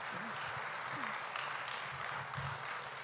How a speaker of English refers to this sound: Dale un aplauso Amen. A Cristo. Aleluya. Give a round of applause to Christ.